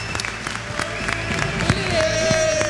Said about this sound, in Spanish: Un aplauso para Messi. Un aplauso para Messi.